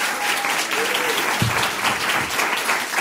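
Steady, dense audience applause fills the whole stretch, many hands clapping at a constant loud level, with a faint voice or two briefly audible beneath the clapping.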